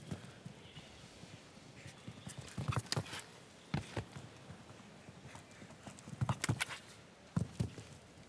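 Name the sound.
horse hooves clip-clopping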